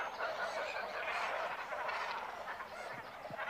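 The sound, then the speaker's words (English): A dense chorus of many cormorants calling at once from a breeding colony of about 1,500 birds on an island in a forest lake, with overlapping harsh, croaking and honking cries forming a steady, loud wall of sound throughout. “There is a cormorant colony on an island in the nearby forest lake.”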